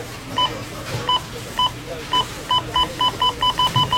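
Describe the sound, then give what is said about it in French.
Checkout scanner beeps ring out one after another at the cash register of a Rona store, about a dozen short electronic tones, sparse at first, then coming faster and faster near the end over a faint store hum. “Tu sais que c'est la semaine Rona quand t'entends ça à la caisse.”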